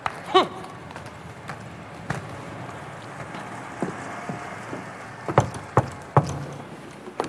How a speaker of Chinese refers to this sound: 哼，听见没有？多么正常不过的敲门， 给你留门呢。